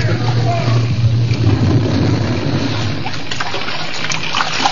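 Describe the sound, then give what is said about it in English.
Sea water churns and splashes loudly and continuously as people leap from a burning ship into the sea, a steady wash of turbulent water with no pauses or quiet moments. “Seconds before the prow raised in the air, they leaped for the dangerous haven of the sea.”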